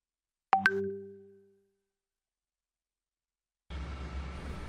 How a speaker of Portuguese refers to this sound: Desculpa, gente, alguém ligou aqui no celular da rádio bem na hora da apresentação